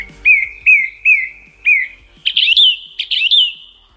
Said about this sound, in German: Das sind Vogelstimmen. Okay, das sind Vogelstimmen. Das ist eine singende Singdrossel, kein Witz.